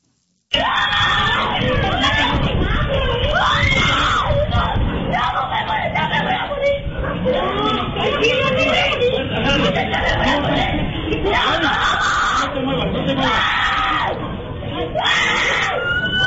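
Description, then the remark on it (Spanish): A child screams desperately and almost without pause while being bitten by a dog in the street, loud, the cries rising and breaking repeatedly, with other voices murmuring and calling out in the background. “Pues el niño, en la desesperación, tenemos ahí el audio, ¿no?, del niño que está gritando.”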